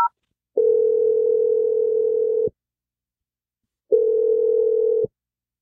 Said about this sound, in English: We'll see if … picks up the phone. I'm going to dial his number right now.